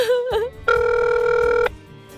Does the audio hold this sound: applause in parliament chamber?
no